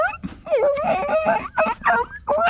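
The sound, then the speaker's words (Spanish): A person imitates a whimpering puppy with a run of high, wavering whines that rise and fall in pitch, several short whimpers in quick succession, fairly loud. “Ustedes lleguen como perritos y.”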